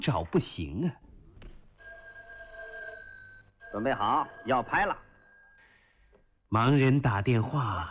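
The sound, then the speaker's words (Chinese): A telephone rings steadily for several seconds, a sustained electronic trill that briefly overlaps a man's voice, with people talking before and after it. “喂， 欧文，你怎么半天不接电话呀？”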